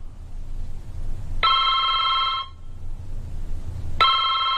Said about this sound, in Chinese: 哦，张县长电话，我去一下。